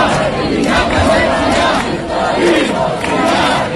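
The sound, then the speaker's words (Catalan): A dense crowd of attendees shouts and chants together after the trial of Esquerra leaders over the Catalan independence process, a loud, sustained roar of many voices with rising and falling surges and no single speaker standing out. “Recordareu els crits d'alguns assistents després del judici al procés a líders d'Esquerra.”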